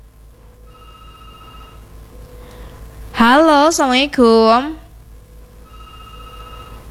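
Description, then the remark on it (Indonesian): A telephone ringing tone on a call-in line sounds faintly in two steady bursts, before and after a short, loud spoken greeting, with a low background hum throughout; the call is answered but does not connect, and no voice comes through. “Ini teleponnya berdering kok diterima teleponnya tidak bisa terhubung ya.”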